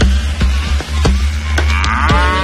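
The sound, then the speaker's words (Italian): A cow in Scotland moos loudly in a long, low, drawn-out call that rises in pitch toward the end, with a few sharp clicks over a steady rumbling background, part of a club music piece two British artists made with bat sounds. “Questa è la mucca, scusa, ma che c'entra un pipistrello?”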